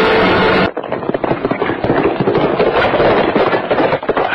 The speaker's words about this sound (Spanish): Pasa un tiro. Le di.